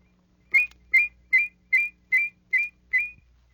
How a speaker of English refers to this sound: As you practice, many unusual abilities will develop. With a fast la-la whistle, you can produce two notes so closely they sound in harmony.